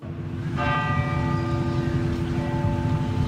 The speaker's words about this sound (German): Nach dem Gottesdienst läuten in ganz Norwegen eine Stunde lang die Kirchenglocken.